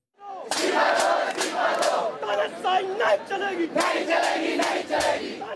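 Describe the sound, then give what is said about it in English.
A large crowd of thousands of protesters, mainly students, in New Delhi, India, shouts and roars together in loud, continuous waves as tear gas is fired at them, with sharp bursts of yelling rising over a dense wall of many voices. “Tear gas has been fired at thousands of protesters who are gathering in the Indian capital”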